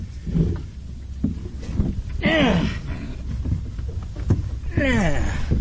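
Someone clambers into a small lobster boat bobbing on water in the morning: low rumbling knocks and shuffles, with two drawn-out creaking or straining sounds, over a steady low background rumble.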